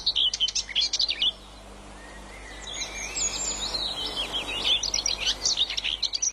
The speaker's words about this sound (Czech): Venku visí klec se slavíkem a ten nám zaspívá.